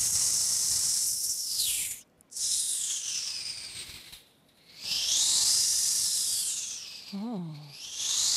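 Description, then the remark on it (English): A voice beatboxes a high, airy hiss imitating the highest-frequency sounds, in three long breathy bursts separated by short gaps, each sweeping in tone, with a brief low vocal warble near the end. “so if we have like the sounds here, we cut the sounds from the like a highest frequency and then we go like on to like the lower direction, which means like if I express this as a beatbox sound, it'd be like for like the highest sounds.”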